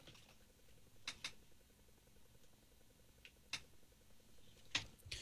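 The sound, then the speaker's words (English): A few sharp mechanical key clicks from a typing machine, sparse and irregular, some in quick pairs, against a quiet background hum. “Curiously, when the corresponding Phelps machine's keys were depressed, a melancholy little melody emerged.”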